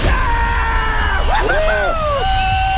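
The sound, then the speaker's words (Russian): A loud victory yell with several voices whooping and shouting together, their pitch swooping up and down for a few seconds over a steady background roar. “Ты молодец, этот крик победы для тебя.”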